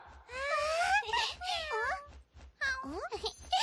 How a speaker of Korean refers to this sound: 안녕 고양아, 이름이 뭐야? 야옹야옹 하니까 야옹이라고 부르자.